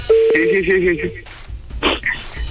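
A short run of electronic telephone tones as a phone number is dialed, steady beeping pitches stepping between notes for about a second, followed by faint line noise and a brief burst of static.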